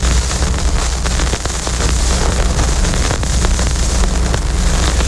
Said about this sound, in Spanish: Así suena un vinilo cuando colocamos la aguja encima antes de que empiece la música.